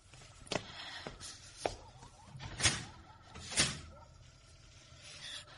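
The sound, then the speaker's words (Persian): A door is handled, shut and locked, with a few sharp knocks and clicks followed by two louder scraping thuds, all fairly quiet, with no one speaking. “درو قفل کن. ممکنه کسی بیاد تو.”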